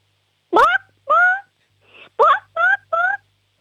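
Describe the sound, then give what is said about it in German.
A 6-year-old child from the state of Salzburg, Austria, imitates a chicken, giving two clucking calls, a short pause with a faint sound, then three more quick, rising clucks, loud. “Okay, und jetzt hätte ich gern, dass du mal gackerst wie ein Huhn.”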